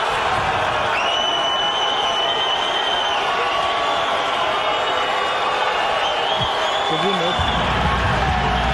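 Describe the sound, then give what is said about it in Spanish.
A stadium crowd cheers wildly as Ancelotti announces Neymar's name, a loud, unbroken roar, with shrill whistle-like tones drifting above the noise and a few low thumps toward the end. “Y luego después dice Neymar y todos se vuelven locos y escucha.”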